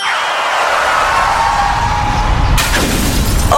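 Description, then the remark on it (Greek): A loud, steady rumbling drone with a slowly falling tone gives way to a sudden burst of bright, crackling noise as a car windshield shatters. No one speaks. “Πάει το μπαμπρίς.”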